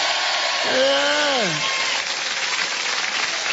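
Steady, dense clapping from a crowd fills the whole stretch, a continuous hiss-like patter, with a brief sliding voiced cheer rising then dropping in pitch early on.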